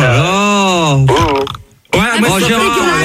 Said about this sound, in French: mais ton homme il vient de roter aussi à l'instant.